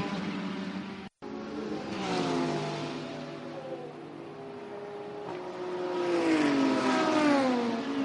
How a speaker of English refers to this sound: Off and away the BMW goes.